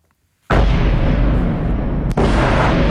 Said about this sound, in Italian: I boati tambureggianti nella notte di Kiev, insistenti come la volontà della Russia di piegare la resistenza ucraina, con gli sciami di missili, droni che si avventano sulle città